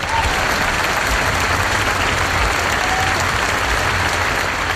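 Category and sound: crowd, audience applause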